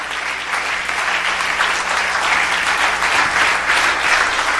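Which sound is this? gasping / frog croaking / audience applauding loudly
audience applauding loudly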